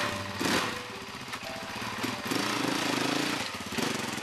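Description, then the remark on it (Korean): An off-road mountain motorcycle engine runs loudly, a buzzing, raspy drone whose pitch rises and wavers as it revs partway through, with no voices. It is ridden for fun out in nature around the neighborhood. “그의 취미는 산악 오토바이를 타는 것.”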